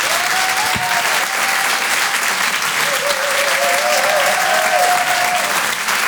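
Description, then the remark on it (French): Loud, sustained applause from an audience at the Rire et Chanson Comedy Club fills the whole stretch, a dense steady clatter of clapping with whistles and cheers rising above it, as a comedian is called to the stage. “Je vous demande de faire un maximum de bruit, s'il vous plaît”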